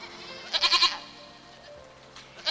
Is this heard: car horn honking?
no